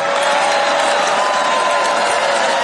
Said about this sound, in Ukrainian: Заманливу обіцянку президента його ж прихильники зустріли доволі стриманими оплесками.